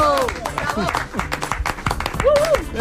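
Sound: studio applause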